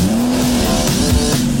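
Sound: race car engine revving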